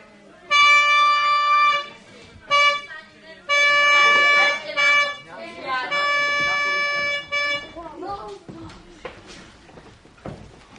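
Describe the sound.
A trumpet blares a signal call, sounded by the adjutant to summon everyone, in several loud, sustained, bright blasts, short and long notes at a steady pitch, followed by rustling and voices as it ends.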